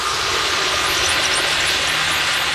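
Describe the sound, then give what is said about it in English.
A loud, steady roar of boat engine noise pollution recorded underwater where dolphins live, dense and unbroken for the whole stretch, with faint high chirps flickering above the rumble. “Sometimes if I hit a bit with a lot of noise pollution and a lot of engine noise, I have to like take a break and take the headphones off for a bit because it's just a lot.”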